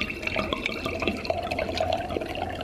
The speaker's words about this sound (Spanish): Se llama la sitcom del momento y es de un hombre que lava los platos.